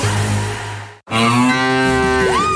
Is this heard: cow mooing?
yes